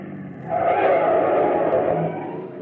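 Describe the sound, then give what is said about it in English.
A car's brakes screech loudly as it turns into an alley and pulls to a stop, a harsh sustained squeal over engine rumble lasting about a second and a half, then easing off. “Gotta get them brakes fixed.”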